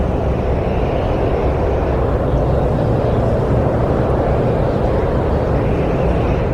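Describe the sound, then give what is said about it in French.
Steady wind blowing gently across the sand dunes of the Sahara desert, a continuous low rumbling rush with a soft hiss above it, holding an even loudness throughout with no voices. “Imaginez-vous sous le soleil brûlant du Sahara, le vent soufflant doucement à travers les dunes de sable.”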